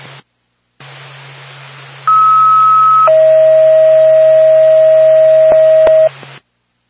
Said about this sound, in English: Whitefield Ambulance, stand by for tone.